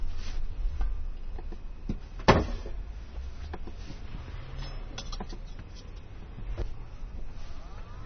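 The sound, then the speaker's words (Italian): A refrigerator that has just been switched on in a kitchen runs with a low, steady hum throughout, with scattered clicks and knocks on top, including one sharper thud near the start, and no one speaking. “Ma quello è il frigorifero? Sì, ho anche acceso il frigorifero.”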